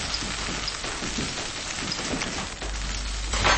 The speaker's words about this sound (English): Next, she fries some capers until they turn crisp. I'm frying the capers so they open up like little flour and becomes crunchy.